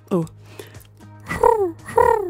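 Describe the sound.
A person imitates a dove's cooing: three throaty, warbling coos, the last two longer and louder with a sliding, falling pitch, over a faint steady low hum.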